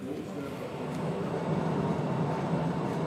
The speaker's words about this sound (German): Die Höhlenbahn von Postojna ist mit 3,7 Kilometern die längste unterirdische Touristenbahn der Welt.